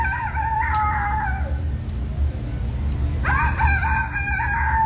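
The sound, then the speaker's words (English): A child imitates a rooster's crow in two long, rising and falling calls with a pause between, loud over a low background rumble; the third-place entry in a children's rooster-crowing contest at the Iowa State Fair. “Just to clarify, that is not a cockerel, that is a child.”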